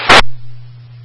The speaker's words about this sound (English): Static.